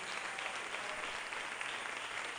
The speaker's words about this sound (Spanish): Gloria a Dios. Démosle fuerte ese aplauso al Señor.